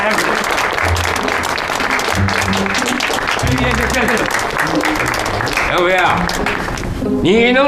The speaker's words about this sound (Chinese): 哎，行了，咱们今天不谈工作，来，咱们欢迎济南来的大英雄，鼓掌。